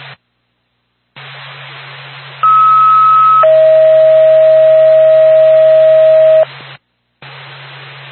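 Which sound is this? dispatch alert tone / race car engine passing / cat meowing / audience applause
dispatch alert tone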